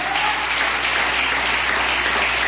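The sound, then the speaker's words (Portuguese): An audience claps steadily to glorify and exalt the name of the Lord Jesus, many hands producing a dense, continuous wash of applause at an even loudness throughout, with no voices standing out. “Palmas te glorifique e exalte o nome do Senhor Jesus.”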